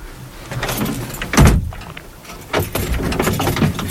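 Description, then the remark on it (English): A heavy metal cell door slides and slams shut with a single loud clang, followed by a low rumble and scraping movement, as a uniformed man leaves the cell. “He's leaving the cell.”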